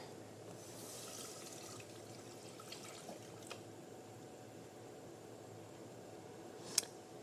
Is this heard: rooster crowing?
no